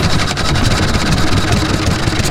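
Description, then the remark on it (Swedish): A small Olympia 3.5-horsepower engine runs steadily in the archipelago in summer, a loud, constant buzzing drone with a fast, even putter and a hissy upper edge, with no voices over it. “Olympia, 3,5 hästkrafter.”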